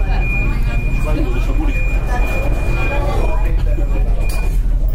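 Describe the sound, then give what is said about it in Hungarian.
A steady, high warning tone sounds for several seconds inside a rumbling, crowded metro carriage, signalling the train doors are about to close, while people talk in the background. “Ez nyilvánvalóan azt mutatja, hogy túlságosan sűrű metró nem utazhatnak, mindjárt zárni fogják az ajtót.”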